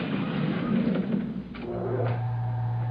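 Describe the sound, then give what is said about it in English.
The door of a voice-activated elevator at Gurney's Department Store slides shut with a soft rumble and a brief thud, then a steady low mechanical hum takes over as the elevator starts moving toward the 12th-floor maternity shop. No one speaks. “This elevator is activated by your voice. I want the maternity shop. A 12th floor. Watch the door.”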